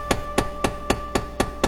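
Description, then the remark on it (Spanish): Seven sharp, evenly spaced knocks on a door at nightfall, a steady quick rhythm with each rap sounding full and solid. There are no voices. “Empezaba a caer la noche cuando de repente la mujer oyó que llamaban a la puerta.”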